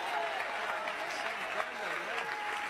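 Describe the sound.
An audience claps steadily in a dense, sustained wash of applause that fills the room, with a few raised voices mixed into the crowd noise.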